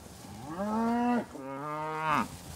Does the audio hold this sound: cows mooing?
yes